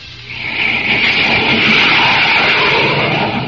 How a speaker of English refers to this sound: Hear that? Do you know what that sound is? It's a pioneer of the skies striking out for new worlds to conquer. You're listening to the blazing roar of a jet plane.